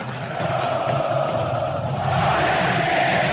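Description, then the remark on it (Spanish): A stadium crowd shouting in one continuous, dense roar during a welcome with flares and paper confetti, holding steady and loud for the whole stretch, with no single voice standing out. “Estos gritos se escuchen.”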